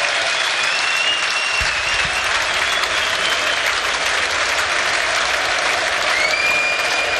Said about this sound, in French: où un nouveau changement va être opéré, et celui-là, écoutez les acclamations, je vous les laisse, elles sont pour Hans Van Aken, écoutez.